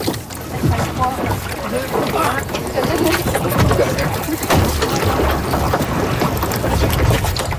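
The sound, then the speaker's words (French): A sailboat moving on water: continuous sloshing and splashing against the hull, with gusty wind noise and faint murmured voices, steady and fairly loud throughout. “Est-ce qu'on monte dans le bateau?”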